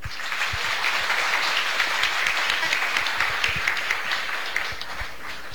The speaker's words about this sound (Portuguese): Sua presença muito nos alegra e nós queremos acolher o Senhor nesta noite com as nossas palmas.